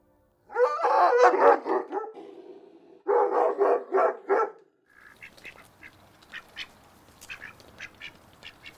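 Amira, a Caucasian Ovcharka livestock guardian dog from an animal shelter living on an animal sanctuary farm, barks loudly in two rapid bursts of several harsh barks each, then falls quiet while faint high chirps continue in the background.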